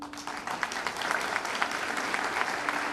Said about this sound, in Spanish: La cooperación y los hermanamientos de Villa El Salvador nacen gracias a la iniciativa de Walter, a quien quiero rendir un homenaje hoy y un fuerte aplauso.